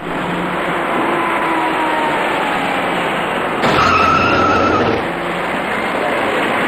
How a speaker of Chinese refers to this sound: 这里是下午2点多的建国门桥上，一些车辆正在这个转弯处自南向西盘桥而上，您注意看一辆即将出现的白色小客。